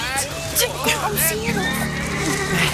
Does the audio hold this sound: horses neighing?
yes